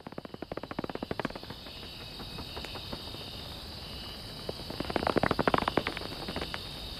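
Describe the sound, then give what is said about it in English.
Cloud forest ambience at Los Cedros, recorded by musician Cosmo Sheldrake: a steady high insect drone hums throughout while sharp clicking and ticking calls come in bursts, thickest at the start and again near the end. No voices. “I want you all to hear what a rights-bearing, breathing, living cloud forest sound like.”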